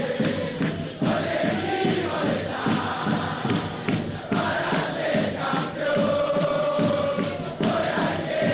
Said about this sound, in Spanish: Nos quedamos ahí escuchando a los hinchas de Belgrano en el Hotel del Pirata.